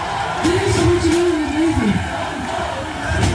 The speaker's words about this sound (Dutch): Publiek helemaal We Want More natuurlijk. Ja. Iedereen wordt opgehut. Het publiek gaat los.